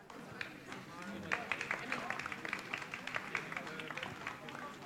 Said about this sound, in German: Vielleicht kann man den Applaus hier im Radio nachher nicht so deutlich hören, wie hier in unserer kleinen Event-Arena.